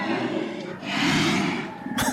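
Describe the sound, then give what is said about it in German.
Bear calls, tied to Fat Bear Week for the brown bears of Katmai National Park in Alaska: deep, breathy growls that swell into a louder, sustained roar, then a short rough grunt at the end, with no talking. “Ja, das sind Bärenrufe.”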